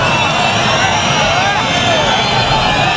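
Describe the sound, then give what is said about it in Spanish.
A large crowd boos and jeers Marlaska in Baza during the swearing-in of a new class of Guardia Civil officers, a sustained, dense roar of overlapping voices, loud and steady throughout with no pauses or single voice standing out. “Este es el abucheo que esta semana hemos escuchado varias veces porque es llamativo.”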